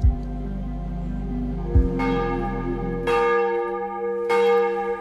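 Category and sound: signal or alarm, church bells ringing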